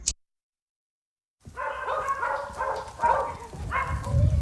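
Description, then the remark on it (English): After a brief silence, several dogs burst into a steady run of overlapping barks, fairly loud, continuing without a break to the end. “How many dogs are there?”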